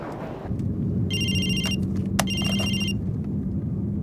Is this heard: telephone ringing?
yes